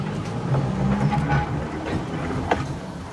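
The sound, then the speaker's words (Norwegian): A tram rumbles steadily along rails with a low droning hum, faint metallic squeals and occasional clicks over the track, no voices present. “Sporvognen på P5.”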